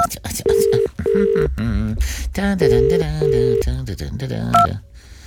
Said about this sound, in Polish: Tylko dzwon ja do dziadka. Telefon do dziadka.